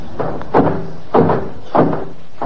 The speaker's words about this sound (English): You going in? Yes, I'm going through that revolving door.